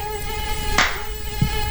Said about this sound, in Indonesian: Ih, banyak banget ya nyamuknya di sini.